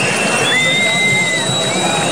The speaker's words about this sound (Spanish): Es el sonido de miles de personas agitando las llaves de sus casas en señal de protesta en Madrid este martes por la noche en una Puerta del Sol abarrotada después de que el gobierno anunciara la aprobación de los 2 decretos de vivienda.